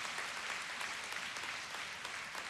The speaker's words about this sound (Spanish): Aleluya. Eso es para aplaudir a Dios, hermano.